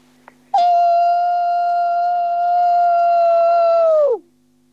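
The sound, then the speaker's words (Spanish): A single long, loud wolf howl, holding a steady tone for several seconds before sliding downward and cutting off, with no other sounds around it. “Vamos, el aullido de lobo.”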